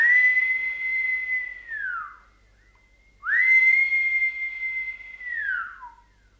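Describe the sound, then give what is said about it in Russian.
A samovar whistles in two long, steady shrill blasts, each sliding down in pitch as it fades, with a short pause between them. The whistle is loud, with no voices. “А ведь тебе мой самовар-то понравился, как он свистит.”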